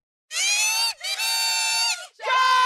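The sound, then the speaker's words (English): A large hockey arena crowd cheers and screams loudly in three sustained, shrill surges, each briefly dipping before swelling again, with no one speaking. “A sound that will fill the Canadian Tire Centre tonight as the Ottawa Charge return home for Game 3.”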